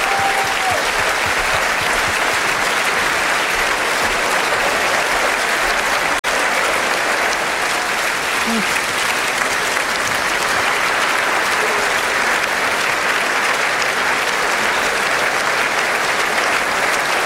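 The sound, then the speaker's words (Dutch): A concert audience, with the king and queen standing and clapping in their royal box after a concert conducted by Sami Rachid, applauds steadily, a dense, unbroken wash of clapping that holds at an even, loud level for the whole stretch without speech. “En ook de koning en de koningin staan nog altijd rechtop te klappen in hun koninklijke loge.”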